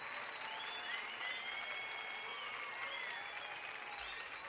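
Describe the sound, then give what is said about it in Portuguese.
An audience claps steadily for several seconds for the children of the LBV, a dense, continuous wash of applause with high-pitched cheers and voices rising and falling over the top. “Palmas para as meninas, os meninos estão aqui presentes.”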